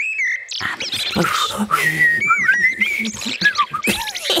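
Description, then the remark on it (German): Someone whistles an imitation of blackbird song while learning to speak blackbird: a run of warbling, gliding phrases that rise and fall in pitch, fairly loud and continuous over about four seconds. “Und jetzt gerade lerne ich amselig.”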